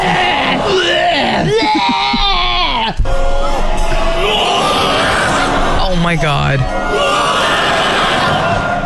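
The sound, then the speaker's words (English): At a yo-yo performance, an excited crowd member screams and whoops loudly with wavering, strained yells over a constant roar of cheering audience noise, with someone exclaiming in the mix. “There's a few people in the crowd that just can't even handle it.”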